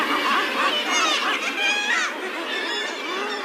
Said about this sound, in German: Auf der Hochseeinsel Helgoland brütet die einzige Bastölpelkolonie in Deutschland. Die gänsegroßen weißen Meeresvögel sind geschickte Fischjäger, aber sie haben ein Problem.